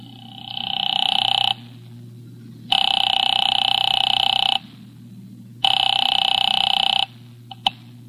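A telephone ringback tone after Nero Wolfe dials Brecker's Market from his library office sounds three times, each long steady buzzing burst lasting about two seconds with gaps of silence between, over a low constant hum, ending with a faint click.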